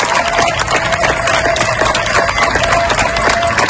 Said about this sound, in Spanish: Estos aplausos que escuchas son de los vecinos de Niebla, en Huelva, para despedir a los miembros de la UME que han trabajado durante días para lograr controlar el fuego que ha afectado a más de 33.000 hectáreas.